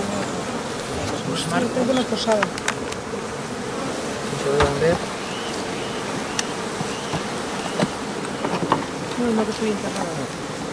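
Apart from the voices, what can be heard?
honeybees buzzing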